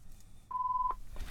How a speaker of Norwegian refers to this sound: Det ringer.